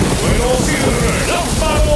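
Steady, dense rain hisses continuously for the whole stretch, fairly loud, with faint voice-like tones drifting faintly underneath.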